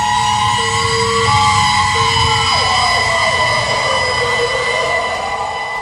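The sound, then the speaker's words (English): Loud fire engine sirens wail continuously as emergency vehicles pass, their pitch sliding and overlapping with a low rumble of heavy traffic beneath. “What Legs had mistaken for a freight train was actually fleets of emergency and fire vehicles going by, sirens screaming.”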